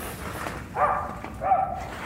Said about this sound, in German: Er wird weiter bellen. Okay. Holen Sie den Hund rein, Doc.